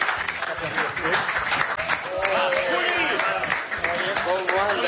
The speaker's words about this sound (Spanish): Le pongo un aplauso también. Aplauso, aplauso, aplauso, aplauso.